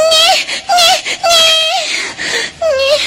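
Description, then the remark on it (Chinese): A startled young child cries in loud, high-pitched bursts, four or five wailing sobs with short gasping breaks between them, the voice wavering up and down with no words. “你大大的把俺家娃娃吓了一小跳啊！”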